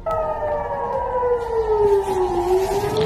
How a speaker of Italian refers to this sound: Esplosioni e sirene nel nord di Israele e nel sud del Libano, a poche ore dall'annuncio da parte di Trump di una tregua tra Hezbollah e Netanyahu.